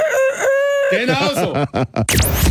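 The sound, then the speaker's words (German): A chicken-shaped egg timer goes off with a loud rooster-like crow, then a quick run of clucking bursts and a noisy rattle at the end. “Es ist eine Eieruhr in Hühnerform.”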